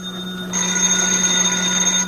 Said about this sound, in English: Yeah, I'll get the phone.